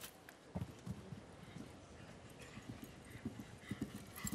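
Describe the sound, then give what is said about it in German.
Hooves of a horse almost 1.90 m at the withers canter calmly across soft arena ground over the first distance of a ridden round, a steady run of dull thuds in groups over a constant hiss of background ambience. “Er nimmt sich hier deutlich mehr Ruhe und Zeit für diese erste Distanz.”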